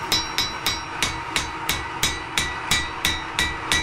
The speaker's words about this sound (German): Wir waren am Wochenende in einer kleinen Schmiede. Danach klingt das. In Hammerbrücke.